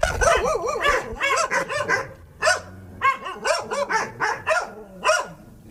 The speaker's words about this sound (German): So würde ich jetzt erstmal begrüßt. Hier bei den Tieren im Glück, bei dem Verein. Die Hunde haben sich erstmal ein bisschen aufgeregt. Aber die waren sonst irgendwie ganz lieb.